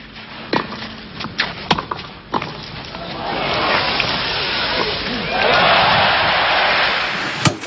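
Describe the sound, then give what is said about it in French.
A few sharp, isolated knocks, then the crowd at the 1980 Roland-Garros tennis final breaks into loud cheering and applause for Borg that swells midway and holds steady to the end. “Les acclamations pour Borg, héros de Roland-Garros.”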